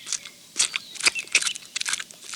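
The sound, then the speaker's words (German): Crunchy chewing of apple pieces by Willi the bee: a series of crisp, irregular bites and crackles, moderately loud, with no voices present. “Also Willi, seit wann isst denn eine Biene Apfelstücke?”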